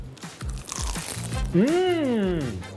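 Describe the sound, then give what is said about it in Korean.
Crisp crunching from repeated bites into a rice cake (jeolpyeon) wrapped in seasoned seaweed, several sharp crackles in quick succession, followed by a brief voiced vocal sound with no clear words. “너무 맛있어요. 겉면 바삭바삭하고.”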